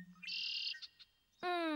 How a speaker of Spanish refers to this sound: A la izquierda, un mirlo con alas rojas.